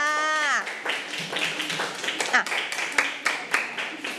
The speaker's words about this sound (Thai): ปรบมือให้กับตัวเองค่ะ